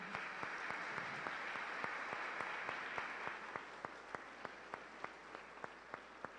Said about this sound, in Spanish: Sagrado Corazón de Jesús, damos una calurosa bienvenida a nuestros hermanos de las comunidades parroquiales de San Juan Bautista, Colonia Casablanca, y su pastor aquí presente. Un fuerte aplauso.